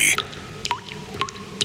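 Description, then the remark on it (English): Water drips echoing in a bathroom: a few distinct plinks with rising ringing tones, spaced irregularly over a faint background hum. The drops are clear, with no voices. “That drip in your bathroom?”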